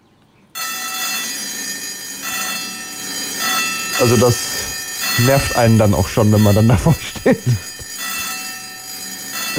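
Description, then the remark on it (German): A railway level crossing warning bell at a crossing with flashing lights rings steadily and loudly because two trains are coming, a continuous metallic clangor that starts abruptly and carries on throughout, with a man talking over it in the middle. “Bei dem Bahnübergang, ne, Blinklicht, zwei Züge, Hinweis dran, der hatte diese Glocke und die klingelte überhaupt nur bei zwei Zügen.”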